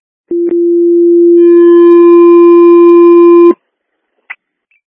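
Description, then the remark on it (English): A loud, steady low electronic radio dispatch alert tone holds for about three seconds, joined partway through by a higher tone, ending with a click and then a brief squelch burst. “And 253, I don't know how I did it, but your sense of tones are coming out again.”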